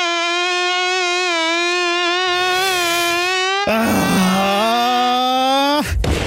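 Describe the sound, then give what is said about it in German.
A mosquito buzzes loudly for about six seconds, a steady, nasal whine that wavers in pitch and dips lower partway through, with no talking. “Es kann doch echt nicht sein, dass meine Freundin keinen einzigen Mückenstich abbekommen hat, während ich schon fast 20 am ganzen Körper zähle.”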